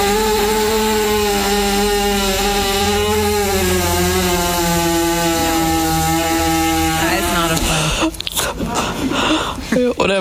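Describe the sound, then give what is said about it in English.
A horse with a lot of gas passes gas after being given a little rub on the belly, in one long, loud, buzzing fart that holds a low, slightly wavering pitch for several seconds before breaking into rough sputtering bursts at the end. “So this poor horse, right, had a lot of gas. They knew that. And they gave him a little rub on the belly.”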